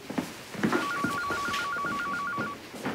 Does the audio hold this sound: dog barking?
no